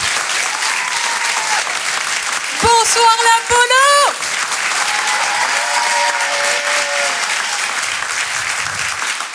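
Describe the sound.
Sustained applause from an audience at a Rire et Chanson show as the next performer is introduced, filling the whole clip at a steady, loud level, with a person briefly calling out a greeting over it partway through.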